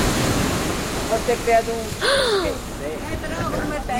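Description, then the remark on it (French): A very rough sea roars steadily with gusting wind, a dense, constant rush of crashing waves, with faint human vocal sounds briefly rising above the noise midway. “Très agitée, elle rugissait et le vent coupait le souffle, plaquait les vêtements contre le corps et soulevait les cheveux du front.”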